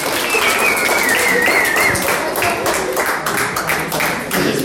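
Steady, dense audience applause for the first-place winners at a prize-giving, many hands clapping at once, loud and continuous throughout, with a thin high whistle briefly rising above it early on.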